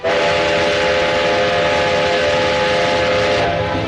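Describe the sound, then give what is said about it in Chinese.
A train rolls along the tracks, a loud, steady rumble and hiss with a sustained whistle tone sounding throughout, with no voices; the railway has resumed running and the train is carrying oracle bones to Nanjing. “铁路恢复运行，甲骨乡也被装车运往南京。”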